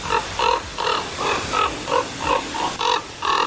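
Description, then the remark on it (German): Common raven calls at a house, identified by a bird-identification app: about eight harsh, nasal croaks in a quick, steady rhythm, each short and evenly spaced, fairly loud and clear with no voices over them. “Und dann zeigte mir die App aber an, das ist der Kolkrabe.”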